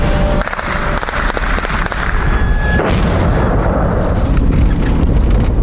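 Rapid bursts of gunfire crackle continuously outdoors as interceptors try to shoot down a Shahed drone in the sky over a village near the front line, on the border between Zaporizhzhia and Dnipropetrovsk regions, Ukraine; dense and loud, with sharp reports layered over a steady roar; a faint tonal whine briefly rises in the first few seconds.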